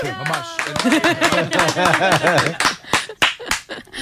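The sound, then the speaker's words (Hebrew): A few sharp hand claps ring out in the last second or two, following a stretch of lively, pitched vocalizing that sounds like laughter or playful cheering. “לנו לא מוכרים כפיים, זה עצור.”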